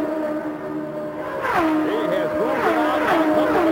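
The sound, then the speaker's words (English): Race cars, led by Rick Mears ahead of Mario Andretti and Michael Andretti, scream past one after another down the straightaway to complete a lap, a steady engine drone giving way to loud overlapping whines that swoop up and down in pitch as each car goes by. “Here they come down the straightaway to complete another lap.”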